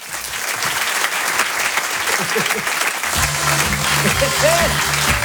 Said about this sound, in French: Je vous demande un tonnerre d'applaudissements, s'il vous plaît